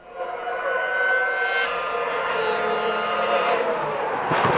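Formula 1 racing cars with V8 engines scream at a high, whining pitch, loud and steady throughout, with the tone surging upward near the end as a car accelerates past.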